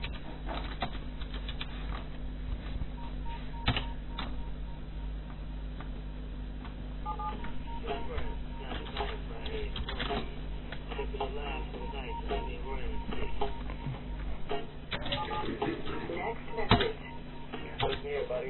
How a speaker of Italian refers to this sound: C'è tastiera del cazzo però, eh.